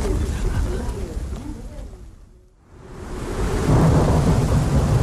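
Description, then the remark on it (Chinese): Steady rain, falling for days on end, hisses under rolling thunder; the rumble fades to a brief near-quiet lull midway, then swells back into a loud, full downpour with deep low thunder. “这些天连着下雨，你们赵堕楼老得厉害吗？”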